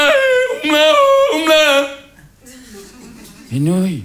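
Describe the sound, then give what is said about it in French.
A loud voice, a Tyrolean cousin singing his song, yodels, leaping sharply between low chest notes and high falsetto in quick alternation, then breaks off briefly before a final swooping, rising-and-falling note. “Je peux pas toucher une nouille avant que le cousin tyrolien ait fini sa chanson.”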